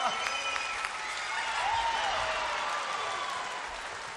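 A crowd claps steadily with sustained, dense applause, joined by scattered whistles and cheers rising above the clapping, holding at a fairly even loudness throughout.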